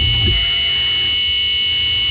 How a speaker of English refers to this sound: the squealing bridge. Mm-hmm. The screaming bridge.